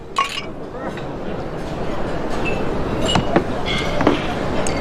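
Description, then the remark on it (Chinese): Glasses clink together several times in a toast, bright ringing taps scattered across a few seconds against a busy background of room noise and indistinct chatter. “我们就吃好喝好，你们俩看我的，干杯！干杯！”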